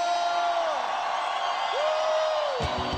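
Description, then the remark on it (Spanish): A crowd cheers in a steady, dense roar, with a couple of long, gliding whoops rising above the noise before a few sharp thumps near the end. “Un grito de júbilo.”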